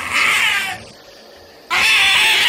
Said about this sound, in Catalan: Quan ja gairebé el tenia a sobre i ella es veia més morta que viva, l'òliba va fer un crit esgarrifós.